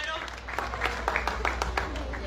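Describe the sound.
An audience applauds steadily for a couple of seconds, a dense, irregular patter of many hands clapping at a moderate level, with a low hum and faint voices underneath.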